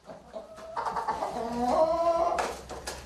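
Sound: chickens clucking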